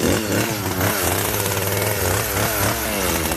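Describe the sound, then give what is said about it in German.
A chainsaw roars loudly and steadily as it cuts into a giant pumpkin, its engine pitch wavering as it bites into the soft, dense flesh, running continuously without pause and with no talking. “Und weil wir mit so einem 0815 Messer da nicht durchkommen, nehmen wir da die Kettensäge.”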